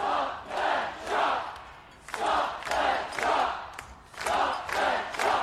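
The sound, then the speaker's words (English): A crowd of over 2,000 at a night rally at State Parliament in Adelaide's CBD, protesting a golf project to save parkland trees, chants in unison, shouting a short rhythmic slogan over and over in loud, steady bursts with brief pauses between phrases, the voices blending into one massed roar. “In Adelaide's CBD, crowds raised their voices as part of an ongoing turf war in a fight to save the trees.”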